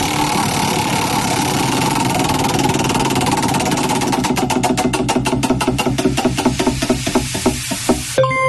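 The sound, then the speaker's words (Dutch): A prize wheel is spun again, its pointer ticking rapidly at first and then slowing, the sharp clicks spreading further apart until it stops, all over a steady background hum. “Oké, ik ga het rad weer even draaien.”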